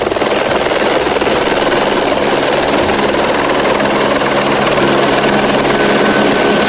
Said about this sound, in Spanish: La piscina municipal del municipio tenía que ser desalojada para que los helicópteros del Plan InfoEx pudiesen coger agua de este lugar.